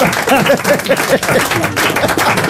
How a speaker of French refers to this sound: On applaudit